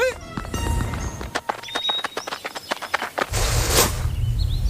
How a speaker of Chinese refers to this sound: 光头强没出来，出来头驴。 啥玩意儿？公司啥时候有头驴啊？难道是老板养的新宠物？ 这驴好奇怪啊，怎么穿着光头强的衣服？